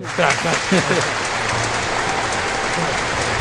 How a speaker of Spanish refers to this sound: Aplausos también.